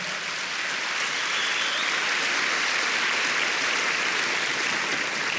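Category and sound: crowd, audience clapping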